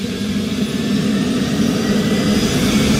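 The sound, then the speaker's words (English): A steady, loud turbine engine drone with a strong low hum as the pilot of a twin-engine rescue helicopter fires up one of its engines, holding constant throughout with no voices. “He's just firing up one of the engines. Now it's twin engine, so he's got two engines to start.”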